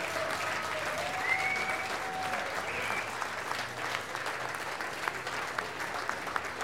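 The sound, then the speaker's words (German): Sustained crowd applause, a dense steady wash of many hands clapping, with a few faint whistles rising above it, without speech; the applause is for a brass band at a festival. “Ich darf da mal sagen, die … hat sich einen großen Applaus verdient.”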